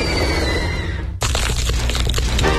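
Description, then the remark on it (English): A loud, crisp crunch of biting into crispy New Orleans Pizza chicken wings, a dense burst of crackling bites following a brief stretch of softer hiss, with no talking. “Hear that crunch? New Orleans Pizza wings are now crispier than ever with their new and improved wing recipe.”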